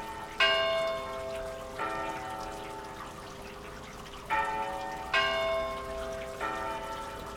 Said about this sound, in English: Hopefully this sound we're hearing now, while this rain falling from the sky, will not be a familiar one at the festival this year.